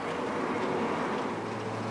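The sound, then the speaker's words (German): A steady, droning taxi truck engine rumbles continuously, its low hum mixed with broad rushing noise as the vehicle drives through hot, soft, slippery sand at Cabo Polonio with passengers on its cargo bed, with no voices. “Der LKW fährt sich leicht und ist bequem.”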